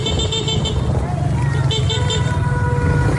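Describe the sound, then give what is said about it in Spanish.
Steady street traffic recorded from inside a moving car on an avenue in La Guaira after an earthquake, with apartment towers about to collapse: a constant low engine and road rumble, with short bursts of horn honking and muffled voices in the background. “Desde un coche graban una avenida en La Guaira, donde las torres de pisos están a punto de colapsar.”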